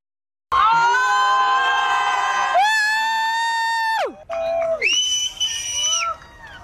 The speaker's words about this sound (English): Wow, I can't even, honestly, can you hear people cheering? People are cheering.